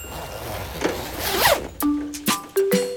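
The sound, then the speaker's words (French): A raincoat zipper is drawn up in a quick rasping sweep, followed by a few sharp, snappy clicks as the fastening finishes. No one speaks. “Il enfile son imperméable.”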